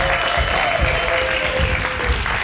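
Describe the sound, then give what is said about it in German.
A crowd applauds steadily while feet stamp in rhythmic low thumps underneath, a dense, even wash of clapping with a faint sustained tone running through it. It is a show audience voting in a round by clapping and stamping. “Mit dezentem Stampfen geht die Runde an.”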